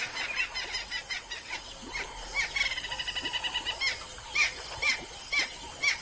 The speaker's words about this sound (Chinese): 河马的吵嚷声似乎并没有影响到附近的驴羚。